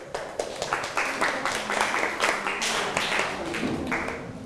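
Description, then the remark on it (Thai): A class of students claps for a classmate after a presentation, a dense, steady patter of many hands lasting a few seconds at moderate loudness, with no one speaking. “ปรบมือให้กับเพื่อนหน่อยครับ”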